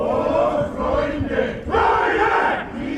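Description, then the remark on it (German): About two dozen men of the choir Hutterjad, having stormed onto a stage at the harbour market square, shout together in unison a quotation from Beethoven's 9th Symphony into the winter sky: a loud, sustained, harmonically rich roar that swells in waves with brief dips between phrases. “Doch erst stürmen 2 Dutzend Männer vom Chor Hutterjad auf die Bühne und singen, nein, schreien, Beethovens Zitat aus seiner 9.”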